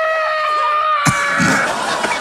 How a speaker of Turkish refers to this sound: Bu ne, ağlama sesi mi bu? Evet. İğrenç bir ses.